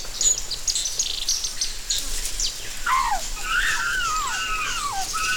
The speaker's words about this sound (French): le bavardage des oiseaux.